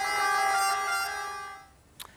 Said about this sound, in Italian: Alla fine della messa, il saluto al feretro accompagnato dal suono delle sirene.